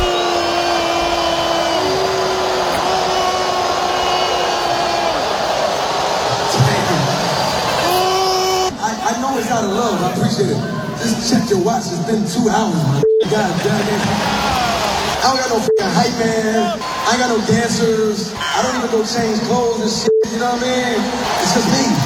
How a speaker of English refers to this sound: There you go. That boo was out of love. It wasn't a real boo. He got booed because he said he got two songs left.